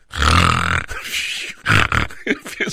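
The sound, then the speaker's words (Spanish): A voice imitates snoring: one long, rough, rattling snore, a brief pause, then a second shorter snort followed by a few quick grunting bursts, fairly loud and with no talking. “No es que yo ronque, nomás quiero hacer el ruido como que yo ronco.”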